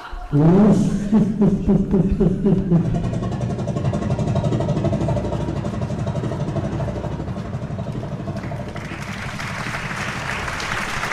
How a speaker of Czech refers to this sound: jsem sešteloval to magneto a zkusíme to znovu. Pánové, připravte se! Motor! Start!